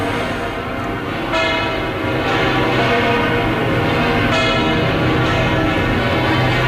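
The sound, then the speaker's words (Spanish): Large bells of the Almudena Cathedral in Madrid ring out together in a dense, overlapping peal, fresh strikes landing every second or so over a sustained, loud metallic hum, with no voices present, as the Pope's procession through Madrid begins. “Y con esa atmósfera le dan las campanas a cualquier evento, pero que aquí es esa cobertura sonora y que es también anímica del encuentro que a partir de ahora inicia, y así con la ciudad de Madrid, con el pueblo de Madrid,”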